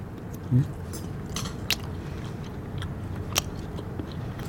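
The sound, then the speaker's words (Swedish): Chewing of a single mouthful of deep-fried brown beans topped with carrot, parsnip and a little apple, with a couple of sharp crunchy bites standing out over a steady low rumble of mastication, no talking. “Och jag har lagt ihop allt i en tugga här. Så nu får vi se hur det var.”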